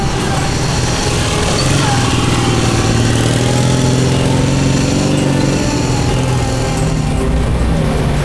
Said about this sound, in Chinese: 团长，就一辆摩托车。